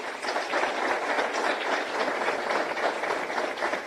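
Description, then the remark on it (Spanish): Sustained audience applause at a Mercosur meeting as ministers, including Peru's Minister of Justice and Human Rights, are introduced: a dense wash of many hands clapping at a steady, fairly loud level throughout, with no voices heard over it. “Fuertes los aplausos.”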